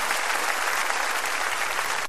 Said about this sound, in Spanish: Señor. Démele fuerte ese aplauso a Él.